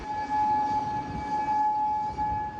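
A steady air raid siren wails on a sustained, unwavering pitch with a faint higher overtone, sounding loud over a rumbling, noisy low background with no speech, in Kuwait.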